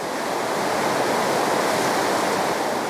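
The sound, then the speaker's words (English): A steady, loud roar of rushing water fills the whole stretch without a break, dense and churning: a river swollen dramatically by heavy rain, in full flood, having carved out a new path and destroyed the roadway. “The heavy rain caused the river to swell dramatically.”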